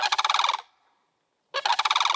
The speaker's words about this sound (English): got the sandhill crane, the Bulger crane.